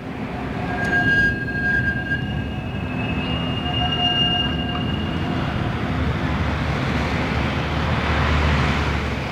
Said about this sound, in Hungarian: Éjszaka van. A villamosok csilingelnek. Messziről zsong az élet zaja.